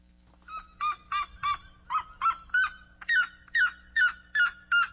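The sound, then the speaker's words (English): A red-legged seriema calls, a loud run of about a dozen sharp, yelping notes in a steady, quickening rhythm, with no one talking over it. “Red-legged saryang.”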